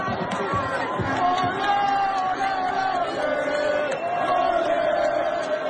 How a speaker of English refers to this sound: Haiti's fans were outnumbered, but still, they made some noise.